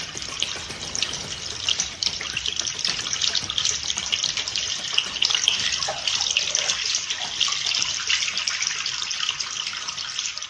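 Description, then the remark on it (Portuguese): Water runs steadily from a tap for the whole stretch, fairly loud, with small shifts in the splashing as hands are washed under the stream. No voices. “Lave sempre as mãos com água tratada, sabão ou cinza antes de cozinhar, antes de comer e depois de usar a latrina ou trocar as fraldas das crianças.”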